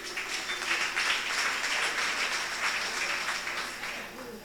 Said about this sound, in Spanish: Voy a pedir a las hermanas que hagan un aplauso a los hermanos. ¿Dónde están los hermanos?